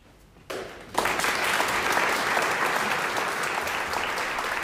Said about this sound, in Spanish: Pues por fin hemos escuchado aplausos.